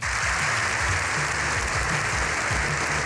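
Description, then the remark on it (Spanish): Sustained applause from politicians in Congress during Pope Leo XIV's visit, a dense, steady roar of clapping hands that holds at an even loudness with no voices breaking through; the ovation lasted seven minutes. “Y así 7 minutos de ovación.”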